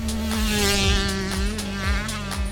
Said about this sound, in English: The difference between a two-stroke and a four-stroke is definitely the engine. When you ride it, it's a big difference, the sound and the feel. A two-stroke has that typical buzzing sound.